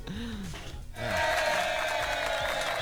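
A brief voice at the start gives way to a burst of crowd applause and cheering that swells in and stays loud and dense until the end.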